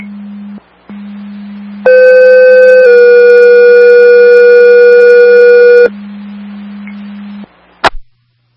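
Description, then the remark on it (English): A radio dispatch paging alert from Brick County to the Richfield Springs ambulance, the second tone for an ALS request in Winfield, sounds loudly: one steady tone for about a second, then a slightly lower tone held for three seconds, over a low background hum that ends with a sharp click. “Brick County to Richfield Springs Ambulance, second tone, attorney.”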